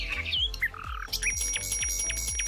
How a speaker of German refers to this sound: die Nachtigall kann wohl auch Alltagsgeräusche nachmachen. Das baut die dann so irgendwie ein. Wie muss man sich das vorstellen? Wenn die Nachtigall eine Fahrradklingel hört, baut die das dann ein ins Piepen oder so?